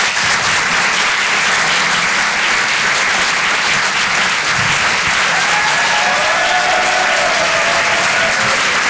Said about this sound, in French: Applaudissez-le bien fort, les amis, du coup, pour lui.